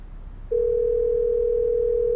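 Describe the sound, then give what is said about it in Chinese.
A steady, single-pitched telephone ringback tone starts after a brief pause and holds unbroken to the end, loud and clear over a faint low background hum, as a call is placed to a guest's older brother during a show. “咱这样，咱给哥哥打个电话好不好？”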